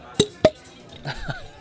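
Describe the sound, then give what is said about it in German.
Two bright clinks of beer glasses knocked together in a toast, a quick pair with a short ring, followed by someone briefly speaking. “Darauf stoßen wir erstmal an, komm.”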